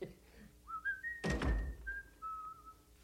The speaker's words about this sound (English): Nice to hear you whistling again. And I'm whistling because I love you.